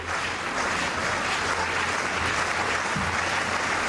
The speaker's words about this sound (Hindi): अपनी दौड़ से पहले अपने खास अंदाज में खुद में जोश भरने के लिए उन्होंने समर्थकों को इशारा किया ताली बजाने का और कूद की शुरुआत की।